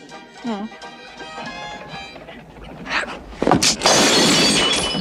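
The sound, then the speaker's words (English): Glass shatters loudly on the floor near the end of a game where players must hit the glass before it hits the floor, a sharp crash followed by a bright, scattering spray of fragments, after several seconds of voices and background commotion. “Gotta hit the glass before it hits the floor.”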